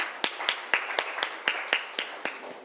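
A group of students in a science class claps for a classmate at the teacher's request, their hands meeting in a steady, even rhythm, about ten sharp claps in quick succession, with no voices over them.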